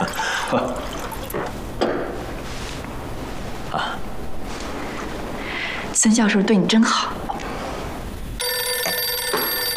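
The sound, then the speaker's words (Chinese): A telephone starts ringing near the end, a steady electronic tone that sounds clear, following a stretch of people talking and clattering around a table during a dinner with toasts. “二位，失陪一下，电话响了，我去接个电话，马上回来。”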